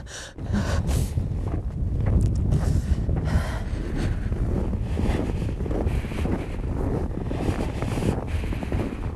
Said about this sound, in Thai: โอ้ยกังหันหมุนติ้วติ้วติ้วติ้วเลยแล้วทิศทางลมเนี่ยมาจากเกลเชอร์พัดเข้ามาเข้าหาตัวเราเนี่ย